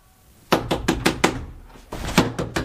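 Firm, loud knocking on a door in two bursts: about five quick raps, a short pause, then four more. No one speaks.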